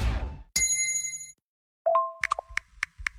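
A bright gong-like chime signalling a hydration break rings out clearly and sustains for nearly a second, followed after a short pause by a quick sequence of lighter plinking chime tones. No one speaks.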